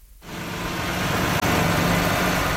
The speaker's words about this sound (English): Bulldozers and dump trucks are busy repairing dozens of damaged roadways from this weekend's major storm.